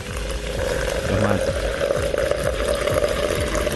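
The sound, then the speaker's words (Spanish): Water pours steadily into a kettle, a continuous splashing rush that rises slightly in pitch as it fills, fairly loud, with a faint voice murmuring briefly underneath. “Yo voy a poner el agua para...”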